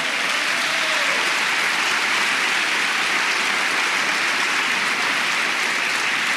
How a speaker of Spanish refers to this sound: Vamos, si quiere aplaudir, aplauda